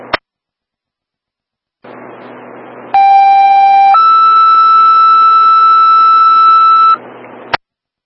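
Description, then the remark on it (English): A hiss of radio dispatch static gives way to a loud two-tone paging alert: one steady tone for about a second, then a higher steady tone for about three seconds. Brief clicks come before and after. “222 QRS, disregard your tones.”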